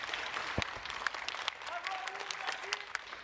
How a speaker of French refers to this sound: Avant de commencer le petit discours, le court discours que je vais vous faire, j'aimerais déjà qu'on applaudisse les deux personnes qui étaient là ce matin et qui ont fait un début en musique.